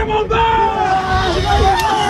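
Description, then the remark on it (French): A dense crowd of students chattering and calling out at once in the courtyard of the Lycée Baggio in Lille as exam results are posted, a loud, continuous hubbub with overlapping excited voices and occasional raised shouts, the volume rising each time a candidate finds their name on the sheets. “Le volume sonore augmente chaque fois qu'un candidat se retrouve sur les feuilles.”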